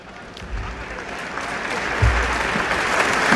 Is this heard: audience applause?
yes